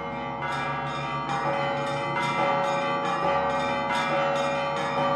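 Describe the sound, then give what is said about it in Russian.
Russian church bells ring together in a dense, steady peal, with repeated bright strikes over a deep sustained hum, loud with no voices. “При этом манеры звона сильно различались от одного региона к другому.”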